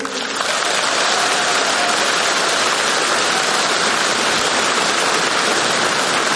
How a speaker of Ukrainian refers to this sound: І я знаю, що зараз ви дивитесь нас по телевізору, тому я б дуже хотів, щоб ви зробили гучніше, а можливо навіть навпаки, зменшили звук, тому що зараз, цю саму секунду, для вас будуть ці гучні оплески.